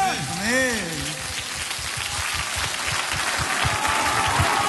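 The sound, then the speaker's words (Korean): A crowd claps steadily in a dense, even roar of applause that lasts the whole stretch, with a brief sung or shouted voice rising over it at the start. “전능한 하나님 하나님께서 우리에게 임하시다 믿으시면 박수합시다.”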